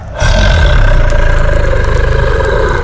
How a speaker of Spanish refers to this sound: El rugido sacudió todo el bosque. Las aves escaparon.